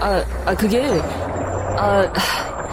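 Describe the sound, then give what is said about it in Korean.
A bus rumbles with a steady low engine drone, and short bursts of air-brake hiss cut through as it pulls up, while people talk over the noise. “버스 온 것 같은데.”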